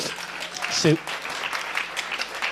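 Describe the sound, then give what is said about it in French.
An audience claps and applauds in a dense, steady patter for a couple of seconds, with a brief voice audible partway through the clapping. “Sous vos yeux ébahis, mesdames et messieurs, applaudissements.”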